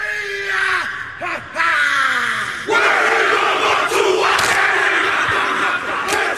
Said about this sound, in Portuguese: quem frequentou bastante o estádio sabe do que eu tô falando, o grito tradicional ali do locutor, que fazia sempre a torcida se levantar.